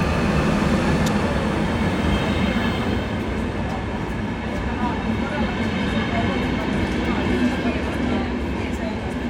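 The first passenger train from Oulu rumbles steadily into Haaparanta railway station, its low mechanical drone and rail noise continuous and fairly loud. A busy crowd murmurs around it on the packed station, and many people are aboard.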